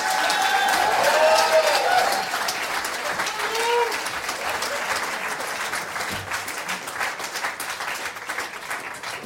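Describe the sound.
A large audience bursts into sustained applause, dense clapping, loudest at the start and gradually easing off while still continuing to the end, with some faint voices mixed in.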